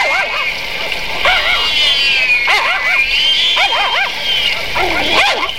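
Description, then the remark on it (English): Comedic dog barks and high yips come in quick clusters of three or four, repeating several times over a steady splashing, rain-like hiss, representing heavy rain 'raining cats and dogs' in a thunderstorm. The sound is loud and busy throughout. “As the heavy-laden skies above open up and it begins raining cats and dogs.”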